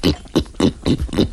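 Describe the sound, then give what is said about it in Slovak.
A person imitates a pig, making five quick, rough grunts in a steady rhythm, fairly loud, with no other talking. “Svinu.”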